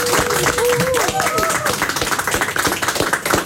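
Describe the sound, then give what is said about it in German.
Steady applause in a radio studio for a quiz contestant who answered a question correctly, a dense rapid patter of many hands clapping for the full stretch, with a few whoops and cheering voices rising and falling over it early on. “Okay, weil du dich so getraut hast, bekommst du erstens einen riesen Applaus.”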